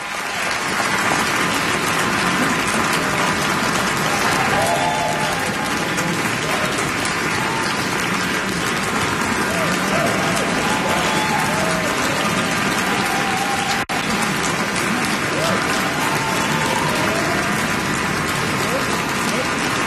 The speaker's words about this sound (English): The crowd continues to applaud Edward Cumming and the Meadows Symphony Orchestra in that enormous undertaking, one of the most vastly imagined symphonies in the repertoire, Bruckner's Eighth.